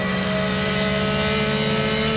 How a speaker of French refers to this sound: Donc il y a quand même 560 chevaux et quasiment 100 chevaux de plus que la GT3R. Et puis surtout, elle a beaucoup plus d'aéro. Mais quel moteur! Quel moteur! Écoutez-moi ce son!